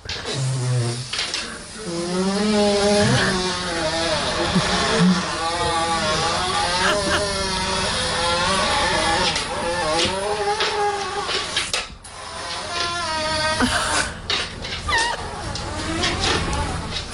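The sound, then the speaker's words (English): A dog's long, unbroken fart, a world record for the longest fart at about 18 seconds: a loud buzzing, sputtering drone with wavering pitch, briefly dipping near the end before carrying on. “That was a dog farting for, you know, 18 seconds.”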